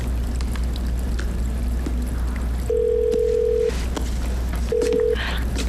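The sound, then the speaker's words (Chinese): A phone call being placed from a mobile phone: a steady ringback tone sounds twice, a longer beep then a shorter one after a pause, over a low background hum with no talking. “那赶紧拿你手机给我打一下。”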